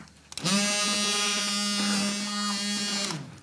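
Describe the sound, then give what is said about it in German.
A small electric motor whirs steadily for about three seconds at a buzzing mid pitch, an immersion blender churning through a thick peanut dip, starting abruptly and cutting off at the end. “Und ich werde jetzt diesen Erdnussdip pürieren. Mit dem Pürierstab einfach hier drin.”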